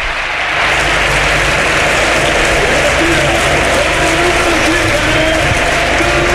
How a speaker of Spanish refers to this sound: La verdad es que yo creo que se merece este aplauso el jugador de la Cultural, porque ha sido de lo mejorcito sobre el terreno de juego.